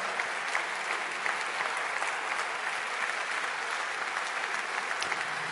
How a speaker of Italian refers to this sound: Io ringrazio ancora, un bel applauso per il professor Giuliano Noci.